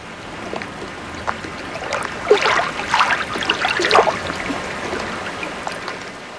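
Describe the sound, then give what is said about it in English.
Water laps and splashes gently against something, irregular liquid sloshes and trickles rising in the middle before settling, with a soft steady wash underneath and no voices. “But for now, enjoy this generic sample of lapping water sounds.”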